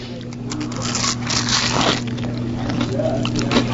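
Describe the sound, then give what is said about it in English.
Crunchy bites and moist chewing of a deep-fried butter tart coated in donut batter, a series of crackling, squishy bursts over a steady low electrical hum. “I'm just going to take one more little bite, just to see, just so I can get more of the inside.”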